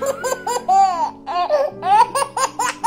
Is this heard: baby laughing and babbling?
yes